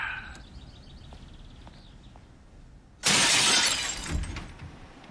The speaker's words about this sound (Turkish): Camı kırıp girme en az 10 ila 15 yıldır.